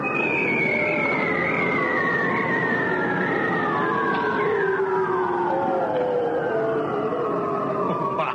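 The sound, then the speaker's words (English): Seals calling underwater off Newfoundland: several long, eerie whistling trills slide steadily downward in pitch, overlapping one another over a continuous hiss, with no voices present. “It's the sound of seals underwater calling out.”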